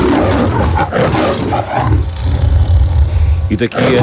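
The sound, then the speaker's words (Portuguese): A lion roars loudly, a deep rumbling call that swells into a long sustained growl before breaking off into a couple of short grunts. “Falámos hoje e trouxemos esta curiosidade aqui ao nosso programa Dia Internacional do Leão.”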